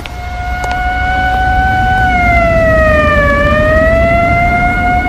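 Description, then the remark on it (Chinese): A loud, steady siren from police and military vehicles speeding along Xingqing Street wails continuously, its pitch dipping and rising again midway as they pass, over a low rumble of engines and traffic. “兴清街上的警车、军车拉着警报呼啸而过，老百姓见了一个个都惊恐万分。”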